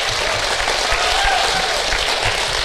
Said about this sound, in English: Round of applause for our panelists, everyone.